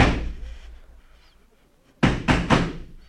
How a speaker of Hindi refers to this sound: एकाएक सदर दरवाजे में किसी ने जोर से धक्का मारा।